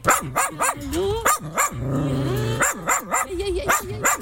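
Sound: dogs barking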